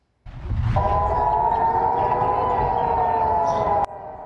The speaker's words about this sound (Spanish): Las sirenas volvieron a sonar en Jerusalén este lunes por la mañana. El ejército alertó a la población sobre misiles lanzados hacia territorio israelí.